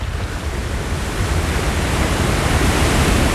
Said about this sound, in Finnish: Aallot murtuvat korkeina pärskeinä rannan terävään kivikkoon. Varomattoman ne heittävät voimalla saarta ympäröivään karikkoon ja vene voi särkyä.